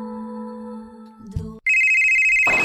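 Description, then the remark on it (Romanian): A phone ringtone: a low sustained tone gives way to a short thump, then a loud, steady high-pitched electronic ring with bright harmonics plays continuously, with some noisy rustle at the end. “Hei, te sună marea.”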